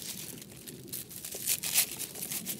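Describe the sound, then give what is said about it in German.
Dried pineapple mint leaves rustle and crackle as they are handled and crumbled, a soft, continuous crinkling that swells slightly toward the end, with no one speaking. “Ich mache jetzt als erstes hier die Ananasminze.”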